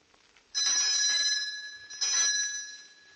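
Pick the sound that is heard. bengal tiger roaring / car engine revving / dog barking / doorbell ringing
doorbell ringing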